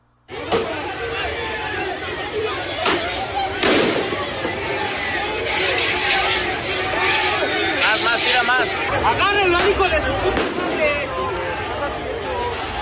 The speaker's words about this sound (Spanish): aficionados externaron su emoción y júbilo a su salida del Azteca por el triunfo de la selección nacional